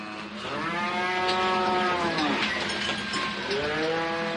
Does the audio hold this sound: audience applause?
no